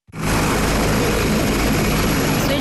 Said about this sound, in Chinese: 指挥员指令下达，陆军第73集团军某旅10多架不同型号的直升机依次升空，展开编队飞行、野外场地起降、机降突击等科目训练，